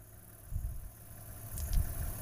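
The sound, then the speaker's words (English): A car engine idles with a low, steady rumble beside the road where two lions rest in the grass, swelling into two brief throaty surges partway through, and no voices over it. “Sorry, the car.”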